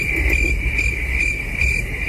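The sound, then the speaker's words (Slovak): A cricket chirps steadily by rubbing its wings together, a high, thin continuous trill, prominent over a low rumbling background of outdoor ambience on a summer evening, with no voices. “A keď cvrčky cvrlikajú, tak nie ústami, ale teda krídlami trú o seba, tak ešte raz, že aj takto znie ten letný večer.”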